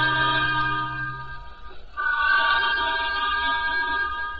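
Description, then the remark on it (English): A steam train whistle blows in a long, loud, steady chord-like shriek as the train slows down between Carlisle and Preston. It dips briefly midway before sounding again just as strongly, with no voices. “From the sound of that whistle, there may be something on the lines.”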